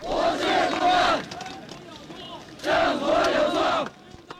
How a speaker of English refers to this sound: 100,000 students and workers in the world's largest square, in defiance of government plans to seal off the area for Hu's official funeral, shouting